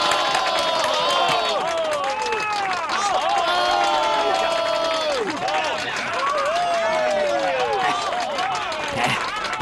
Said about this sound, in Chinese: 你听到刚才的掌声了吗？